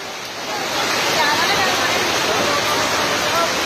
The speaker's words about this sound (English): Dramatic visuals coming in from Ramnagar in Nainital district due to relentless rainfall. Water level in the Kosi River have now risen sharply. The authorities have warned people to stay away from the banks of the Kosi River.